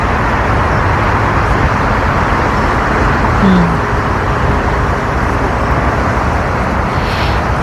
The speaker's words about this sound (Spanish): Estamos escuchando el ruido de los aviones que aterrizan en el aeropuerto de Heathrow, en Londres, que es por el que se ve más gente afectada por todo el ruido que provoca.